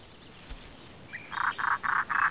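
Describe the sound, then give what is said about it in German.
A crow-sized European roller calls with four harsh, raspy notes in quick, even succession, clear over a quiet outdoor background, in spring at its breeding ground on the Latvian coast. “Jedes Frühjahr zieht es die krähengroßen Blauracken aus Ostafrika nach Lettland zurück, in ihr nördlichstes Brutgebiet.”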